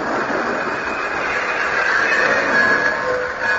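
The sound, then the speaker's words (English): A train pulls into a station at the end of a long trip, with a steady, loud rumble of wheels on rails, and a thin metallic brake squeal rises toward the end. No voices are heard. “But finally, we pulled into the station.”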